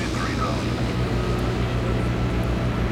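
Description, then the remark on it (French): A steady, unbroken airplane engine drone with a deep low hum and a broad rushing whoosh above it, holding an even loudness throughout as the aircraft descends. “Ça y est, l'avion amorce sa descente.”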